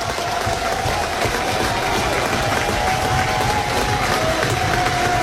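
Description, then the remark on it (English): A baseball stadium crowd cheers in a loud, steady roar that holds for about five seconds without a break, with a thin, sustained whistle-like tone running through it, on a 1-2 count with the go-ahead run at second base in the top of the sixth inning. “Now the crowd's alive.”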